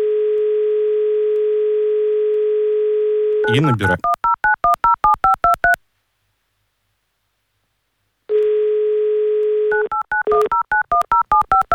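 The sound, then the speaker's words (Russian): A steady telephone dial tone hums, then a rapid run of keypad tones beeps out a number as an Avtoradio presenter dials a listener in Kaluga Oblast live on air; after a pause of silence, the dial tone returns and another quick burst of dialing follows. “Давайте мы сейчас попробуем вам дозвониться.”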